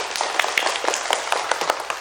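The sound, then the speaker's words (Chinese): A crowd applauds steadily to congratulate a group of children announced as the best heritage-ambassador team, many hands clapping in a dense, continuous patter of sharp claps with no voices on top. “掌声祝贺他们。”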